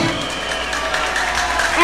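Audience applause, a dense, steady wash of many hands clapping with some crowd noise mixed in, holding an even level before swelling louder at the very end.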